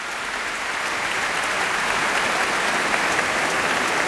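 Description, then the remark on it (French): Sustained, dense applause from a large concert audience after the Hungarian March from Berlioz's La Damnation de Faust, as Michel Plasson returns to bow with the Orchestre du Capitole de Toulouse; a steady wash of many clapping hands at an even, loud level throughout, with no talking over it. “Et les applaudissements ne faiblissent pas.”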